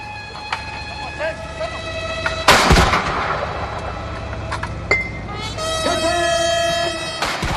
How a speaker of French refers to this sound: Ils ont été accueillis par une garde d'honneur et une garde d'honneur à cheval, tandis qu'une fanfare militaire jouait un morceau de bienvenue et qu'une salve de 21 coups de canon était tirée.